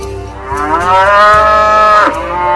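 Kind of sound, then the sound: animal, cows mooing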